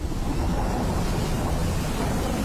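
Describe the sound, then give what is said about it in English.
Steady, unbroken wind in the Wicklow Mountains in winter, a low roaring rush with a soft hiss on top, holding an even loudness throughout with no voices. “Relax and unwind to the sound of the Wicklow Mountains in winter.”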